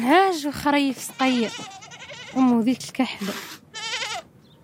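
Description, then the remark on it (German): Several goats or sheep, kept by Sahrawi families, bleat in quick succession, wavering, nasal calls overlapping one another across a few seconds. “Die meisten Familien hüten heute noch ein paar Schafe oder Ziegen.”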